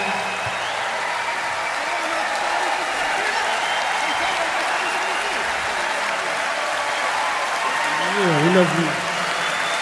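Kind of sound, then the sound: crowd, enthusiastic concert audience applause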